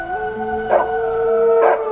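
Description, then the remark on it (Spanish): Two neighbours' dogs howl together in long, sustained, overlapping tones, their steady pitches layered with brief rising swells, loud, with no talking. “Y un escalofrío recorrió la piel de las chicas cuando escucharon cómo los dos perros que tenían sus vecinos comenzaban a aullar.”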